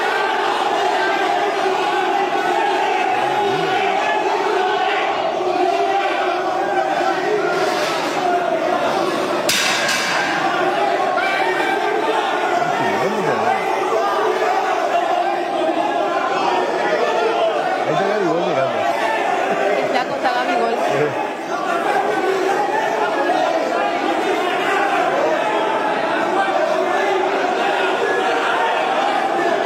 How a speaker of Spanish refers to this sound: Gente del Remo gritándole a Neymar.